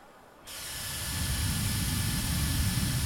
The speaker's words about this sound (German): Ich betrete also jetzt hier die Halle 12. Da geht es jetzt hier um Beauty und Wellbeing, also um Schönsein und um gut fühlen. Gleich am ersten Stand geht es offensichtlich um Föhn.